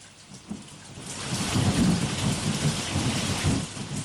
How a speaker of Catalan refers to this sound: Mireu que bé ens fa la pluja. La pluja ens obliga a portar la mà al paraigües, al lloc del telèfon, i així els ulls ens queden lliures per poder mirar el món.